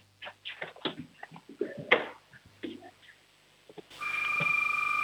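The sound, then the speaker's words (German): A 6-year-old child from Schwaz in Tyrol, Austria, imitates a doorbell, a few chirpy vocal bursts followed by a sustained, ringing tone held steadily at the end, fairly loud. “Und jetzt noch die Türklingel, auf los. Die Türklingel.”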